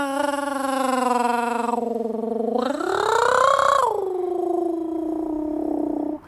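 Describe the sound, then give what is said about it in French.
A voice imitates a cat's purr with a steady, throaty rolling hum that swells and rises in pitch midway, then settles back to a lower drone for about six seconds. “Quand je miaule avec la gorge, c'est pour dire que je me sens bien, que je suis content.”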